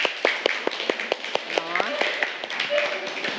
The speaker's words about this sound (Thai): ปรบมือให้ทุกๆกลุ่มเลย